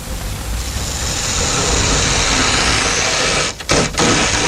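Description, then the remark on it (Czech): A passenger train from Vizovice rolls in on track two with a loud, steady roar of wheels and engine over a deep rumble, broken by two brief dips near the end. No one speaks. “Na druhou kolej přijel osobní vlak z Vizovic, opakuji.”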